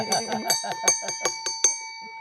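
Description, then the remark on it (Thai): A small bell rings rapidly about nine times in quick succession, its bright metallic tone lingering and fading out after the last strike. It is clear, with no talking. “เอาเสียงก่อนแล้วเดี๋ยวกระดิ่งตามบ้างนะคะ”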